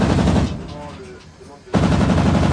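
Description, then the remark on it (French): Loud bursts of rapid automatic fire from a naval ship's 100 mm cannon, 20 mm cannon and rear machine gun during firing training at balloons simulating incoming aircraft, a dense stream of sharp reports that breaks off briefly, leaving a faint voice, then resumes at full force. “Donc, on va tirer avec le canon de 100 mm, le canon de 20 mm et la mitrailleuse arrière sur des ballons qui simulent des aéronefs qui nous arrivent dessus à grande vitesse.”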